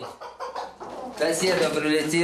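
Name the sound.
chickens clucking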